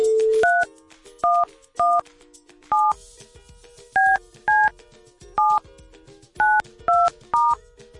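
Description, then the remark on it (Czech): A brief dial tone gives way to about ten short, steady touch-tone beeps as a phone number is dialed at Rádio Blaník to call a listener, spaced irregularly over several seconds, with a faint background hum between them. “Tak a je vytočeno.”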